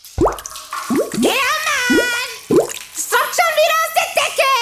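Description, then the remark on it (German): Water drips from a leak in a steady rhythm, each drop a loud, resonant plink with a rising pitch, followed by a denser, warbling stretch of similar watery sounds. “Wenn's oben tropft und unten schreit, ruf Sattler an und Rettung eilt.”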